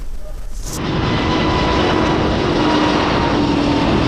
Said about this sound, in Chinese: 我国自主研发的这台 F-406 涡扇发动机填补国内中小推力高端涡扇多项空白，研发企业就坐落在四川天府新区，项目注册仅两年，已完成六型设备点火，两型设备首飞。